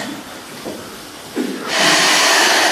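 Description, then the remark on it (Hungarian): Heavy breathing through the nose: a couple of short, soft puffs followed by a long, loud, forceful exhale that fills the last second. No one talks. “Kiderül, hogy szuszogni sem tudok.”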